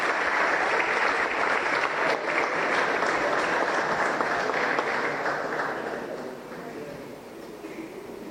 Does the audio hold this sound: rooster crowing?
no